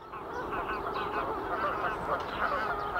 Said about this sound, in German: Immer mehr Gänse.